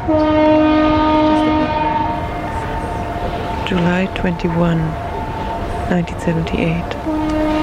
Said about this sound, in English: I am at Brockton Point. That's the Brockton Point foghorn.